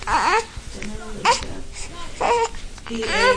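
A 10-day-old newborn baby boy cries in short, wavering wails with brief pauses between them, fairly loud, over a faint background of room noise, in a bedroom of a family home in the historic quarter of Nablus City.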